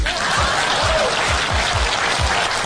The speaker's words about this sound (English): Please clap.